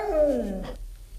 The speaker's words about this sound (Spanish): Un perro que está contestando a su dueño. Dice albóndiga. Albóndiga.